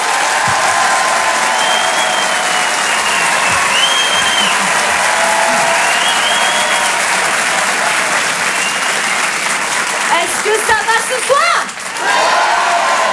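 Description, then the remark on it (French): Loud, sustained applause from a large audience for several seconds welcoming comedian Anne Roumanoff at the Rire et Chanson Comedy Club, with scattered cheers and whistles rising near the end as a voice begins to come through. “Tonnerre d'applaudissements, s'il vous plaît, pour Anne Roumanoff.”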